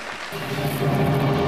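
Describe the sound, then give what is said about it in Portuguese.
An audience at Igreja das Nações applauds loudly for Jesus in a dense, continuous wash of clapping that holds steady and grows slightly louder, with a low sustained tone running underneath. “Gente, aplauda bem forte, Jesus.”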